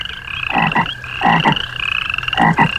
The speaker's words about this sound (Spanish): Ahí los sapos organizaban sus conciertos vespertinos.